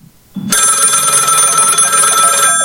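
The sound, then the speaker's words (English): A loud telephone bell rings continuously for about two seconds after a brief low thump, its bright metallic tones sustained and rattling with no voices present. “The phone rings.”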